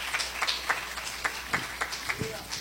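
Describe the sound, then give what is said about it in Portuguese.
A church audience claps for Jesus in praise, in a steady, rhythmic beat of sharp, fairly loud claps, about four per second, with indistinct voices murmuring underneath. “Pode sentar, meus irmãos, e glorifica a Deus com glória, com aleluia, bem forte as palmas para Jesus.”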